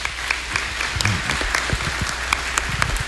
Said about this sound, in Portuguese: Acolhemos eles com uma forte salva de palmas.